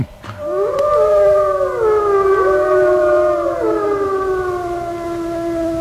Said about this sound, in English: Whenever it's time to go on a hunt, I'll howl, and this calls the other wolves to my side, and they'll join me in a joyful song.